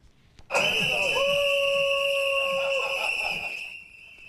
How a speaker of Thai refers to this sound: ชาวบ้านจำนวนหนึ่งบนเกาะเตเนริเฟในหมู่เกาะคาแนรีรวมตัวเคลื่อนไหวเป่านกหวีดพร้อมถือป้ายข้อความเพื่อคัดค้านแผนการนำเรือสำราญ MV Hondius เข้าเทียบท่าเนื่องจากกังวลเรื่องของการแพร่ระบาดของไวรัสอันตา